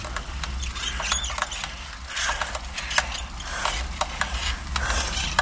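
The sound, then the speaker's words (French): A bicycle squeaks as it is ridden, with repeated short creaks and squeals coming in a loose rhythm over a steady low rumble of rolling noise, fairly loud, no voices. “Ouais, ça grince un peu, ça commence à mal.”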